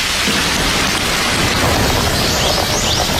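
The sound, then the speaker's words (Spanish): Steady, loud rush of running shower water while someone showers and eats a lettuce, a dense hiss of spray spattering continuously for a few seconds with no voices. “Está comiendo una lechuga mientras se ducha.”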